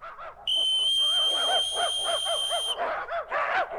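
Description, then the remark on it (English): On a football field, a single long, shrill whistle blast holds steady for about two seconds, calling 50 dogs to dishes of hash dog food, while the dogs yap and yelp excitedly throughout, continuing after the whistle stops. “Yes, when I blow this whistle, they'll come running up to these dishes of hash dog food right next to me.”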